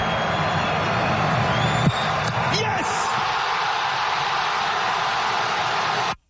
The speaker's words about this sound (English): You listen to the crowd going nuts. Morocco with the winner. They move on.